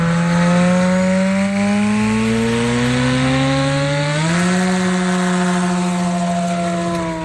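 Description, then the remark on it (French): A small propeller airplane engine drones loudly and steadily, its buzzing pitch climbing noticeably about midway as the motor revs up, then holding at the higher tone. “Vous n'êtes pas loin. C'est quelque chose qui vole, c'est un petit avion.”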